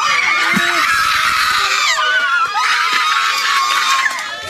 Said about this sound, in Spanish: Se convirtió en gritos de agradecimiento. Así cambió en un segundo el ambiente en el centro judicial de Ay Bonito.